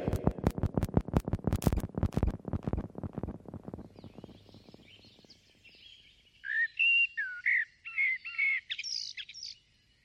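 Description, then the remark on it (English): A blackbird sings clear, fluty, warbling phrases in melodic bursts separated by short pauses, after a burst of rapid rhythmic thumping pulses that fades away at the start. “Blackbirds are skittish birds, taking a few hops or steps, then pausing, then again towards the next stop, just like their singing that bursts into melodies with notable pauses in between.”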